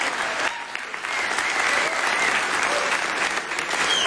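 An audience applauds a musical duo steadily, dense clapping holding a full, even level from start to finish without a break, sounding like a sizable audience.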